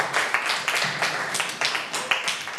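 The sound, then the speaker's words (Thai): Schoolchildren in a classroom clap together for group 5 after its presentation, a steady patter of many hands with sharp individual slaps standing out, continuous for a few seconds. “ขอเสียงปรบมือให้กลุ่มที่5นะครับ”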